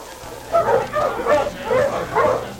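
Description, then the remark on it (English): Several dogs bark in a steady, repeated series of about four yelping barks, moderately loud, with a faint murmur of background noise, at a dog sled-pulling elimination contest on a clear, cold day, with crowds by a roped-off area where each dog is harnessed to a weighted sled. “Crowds jammed close to the roped-off area, where each dog in turn was harnessed to a weighted sled.”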